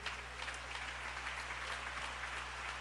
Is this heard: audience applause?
yes